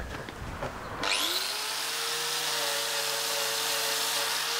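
After about a second of clattering, an angle grinder abruptly spins up with a rising whine, then runs loud and steady, its high motor tone layered over harsh grinding noise until the end.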